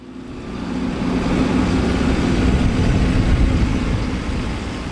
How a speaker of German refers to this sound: Ein gelber Traktor rollt über schlammiges Gelände. An den Zinken des Frontladers hängt an einer Kette ein sternförmiger Betonklotz, ein sogenannter Igel, eine Panzersperre.